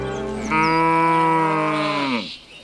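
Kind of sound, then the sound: animal, xiangxi yellow cattle mooing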